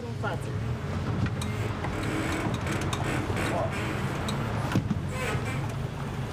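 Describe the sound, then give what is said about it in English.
A motorboat engine on the Bicaz Reservoir, Romania's largest artificial lake, drones steadily throughout with a woman at the helm of a boat that holds 12 people. It is a low, constant rumble with a faint rush of wind and water over it. “It's rather unusual to see a woman at the helm. Motorboats are considered masculine here.”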